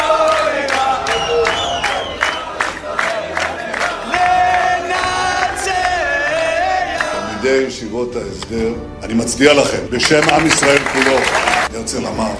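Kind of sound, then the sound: crowd, crowd applauding and cheering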